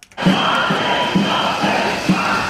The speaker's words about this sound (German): Wagen stoppen, schallt es mitten in Hannover über den Platz der Menschenrechte. Tausende Menschen sind gekommen. Der Platz ist voll.